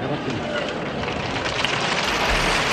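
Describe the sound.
A crowd applauds steadily for about three seconds, a dense wash of many hands clapping at an even loudness, with a slightly muffled, lo-fi tone and a faint murmur of voices underneath.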